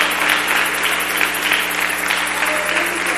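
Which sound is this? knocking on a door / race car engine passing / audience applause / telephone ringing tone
audience applause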